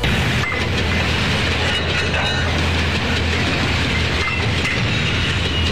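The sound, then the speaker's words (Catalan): A high-speed train to Wuhan, China rolls steadily along the rails, a loud, continuous rumble with a low droning hum and faint rhythmic clatter, unbroken for the whole stretch, with no voices. “Allà van agafar un tren d'alta velocitat fins a Wuhan, Xina.”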